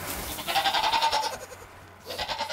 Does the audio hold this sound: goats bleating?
yes